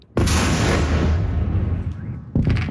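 Explosions from an overnight Russian attack of about 75 missiles and 500 drones on Kyiv, Ukraine: a powerful blast erupts suddenly and rolls into a long, rumbling decay, then a second loud blast hits just before the end. No voices, only the booming blasts and their echoing roar.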